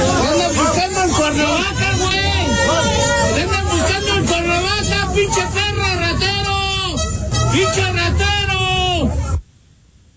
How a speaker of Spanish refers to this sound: Él fue captado al salir del Estadio Azteca después de ver la inauguración de este torneo y el partido de México y Sudáfrica. Iba escoltado por la Guardia Nacional, pero con todo y su seguridad, pues la gente le gritó así, vamos a escuchar.